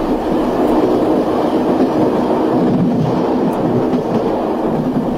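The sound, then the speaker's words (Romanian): A passenger train to Predeal, having just left the station, rumbles steadily along the rails, a loud, continuous low roar with faint rhythmic clatter, for several seconds with no talking. “Trenul nu era aglomerat, de-abia plecase din gară, când aud bătăi în fereastra compartimentului.”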